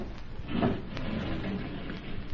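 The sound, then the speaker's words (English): A heavy secret wall panel slides shut with a low grinding scrape that swells briefly, followed by a soft knock and fainter rubbing over a steady background hiss. No one speaks. “Now, close the panel”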